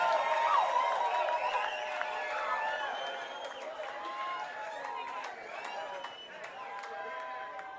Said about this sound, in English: Give the little clap to the house.